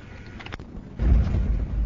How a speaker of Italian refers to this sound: In questo momento il traghetto è partito, stiamo sentendo dei rumori inquietanti, c'è un rombo pazzesco, vi facciamo ascoltare le vibrazioni.